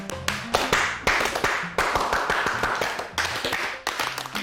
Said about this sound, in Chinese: 鼓掌